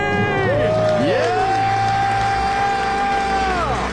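A loud, dense roar of a crowd cheering wildly, with high whoops and sustained shouts rising above the din for several seconds.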